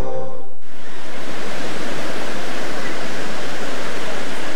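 A steady, full roar of ocean waves washing continuously, loud, following a brief snippet of a voice at the very start.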